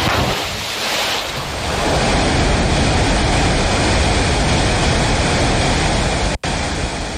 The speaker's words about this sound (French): bruit de la cascade qui coule.